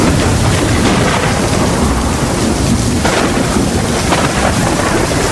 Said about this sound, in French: L'orage éclate, violent, immense. Les rafales de vent se succèdent et courbent sa tige avec une force incroyable. La pluie s'abat sur son bouton fragile, si lourde qu'elle fléchit, se courbe, et voit sa tête s'approcher dangereusement du sol boueux.